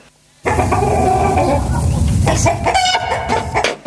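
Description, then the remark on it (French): A hen clucks loudly, a dense run of throaty, repeated clucks with rising squawky calls toward the end, continuing for several seconds after a brief quiet start. “Aujourd'hui, nous allons parler de l'élevage de poules. Notre invité, notre poule Coco.”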